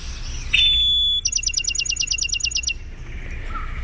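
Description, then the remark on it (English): A Bachman's Sparrow's song rings out clearly: one long, pure whistle held steady, then a rapid, evenly spaced trill of about a dozen sharp notes, over faint low background rumble. “Let's listen closely for the trill, the long whistle and the trill.”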